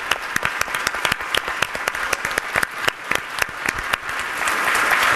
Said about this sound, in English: Round of applause for everyone.